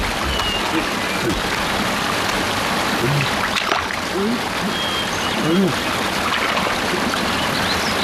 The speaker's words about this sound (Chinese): 我怎么听见前面有水声啊？